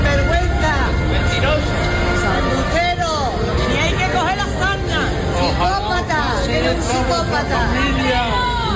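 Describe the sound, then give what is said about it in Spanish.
A crowd in Ceuta, at the doors of the Government Delegation, shouts "sinvergüenza" at Interior Minister Fernando Grande Marlaska: many raised voices overlap continuously in a loud, dense roar of angry protest, individual yells rising and falling throughout, with no pause or quiet moment. “A gritos de sinvergüenza ha recibido Ceuta a Marlaska a las puertas de la delegación del gobierno.”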